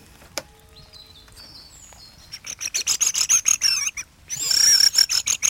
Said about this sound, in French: Non, c'est des... C'est des grives.